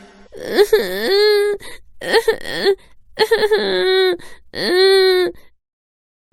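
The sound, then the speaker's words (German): A voice cries and wails in four drawn-out sobbing bursts, each rising then holding a long quavering moan, separated by short gaps. Fairly loud, with no other sounds. “Er begann zu weinen.”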